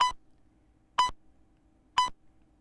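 Three short electronic beeps spaced exactly one second apart, each a clean bright tone around the same pitch, with near silence between them, like a radio time signal.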